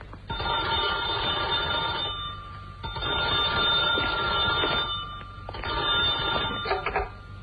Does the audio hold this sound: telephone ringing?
yes